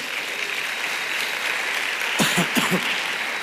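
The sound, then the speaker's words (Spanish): A church audience applauds in thanks for a church member's life, a dense, steady wash of many hands clapping at once, with a few brief louder bursts near the end. “¿Cuánto dan un aplauso por la vida”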